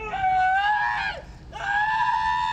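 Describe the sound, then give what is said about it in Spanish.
A man screams in pain, two long, strained, high-pitched cries separated by a brief catch of breath, loud with no other sounds around them. He is an immigrant being detained by ICE in his car and receiving several electric shocks. “Testigos grabaron el momento en que grita de dolor, pide ayuda y pide un abogado.”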